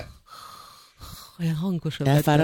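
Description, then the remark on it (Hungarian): A voice imitates a sleeping person's soft snuffling breathing, not snoring: two gentle, breathy snuffles, then a few louder voiced, whimpery breaths. “és hallottam, ahogy szuszog. Olyan kis cukint. Jó, az nem horkolva, nem horkolva, csak olyan...”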